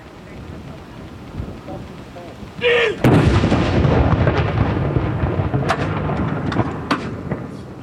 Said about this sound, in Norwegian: Det er altså 21 skudd i alt som skal avfyres. Og så er det da som vanlig ved sørgesalutt, så er det 30 sekunders pause mellom hver avføring.